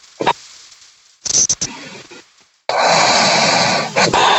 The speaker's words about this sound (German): aber schön, dass wir dich wenigstens kurz atmen gehört haben